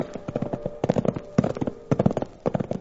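The hooves of two saddled livery horses being ridden near a railroad clip-clop at a steady walking pace, sharp hollow knocks falling in uneven bursts with brief pauses between, moderately loud, with a faint steady hum underneath and no voices.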